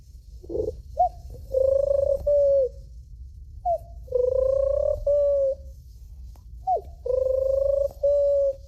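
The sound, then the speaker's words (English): A 12-year-old boy imitates pigeon cooing, repeating a rolling, throaty coo three times at a steady pace, fairly loud over a low background rumble. “And the pigeon.”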